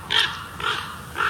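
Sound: ravens calling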